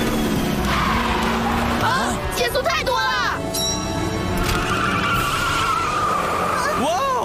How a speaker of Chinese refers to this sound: 漂亮的漂移，哦，实在太可惜了，不然如此极限的双段漂移一定入选赛季五佳镜头。